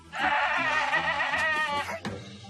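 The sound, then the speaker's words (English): A goat lets out one long, loud, wavering bleat lasting about two seconds with a harsh, trembling quality before breaking off abruptly at the end. “The goat can face any challenge once again.”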